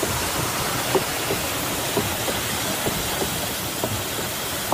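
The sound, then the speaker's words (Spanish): Heavy, thick wooden log hammers of a water-powered fulling mill (batán) pound wool to full the cloth, in a steady, uneven rhythm of dull thuds, set against a constant rushing wash of water noise, with no one speaking. “Un batán es un ingenio que golpea, son troncos de madera gordos, muy pesados, que golpean la lana, abatanan el tejido para poder usarlo, ¿no?”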